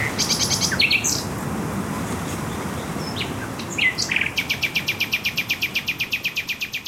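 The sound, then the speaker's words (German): A nightingale sings clear, opening with varied whistles and chirps, then a fast, even run of repeated pulsing notes, over a steady low background hiss. “…, zusammen mit einer Nachtigall”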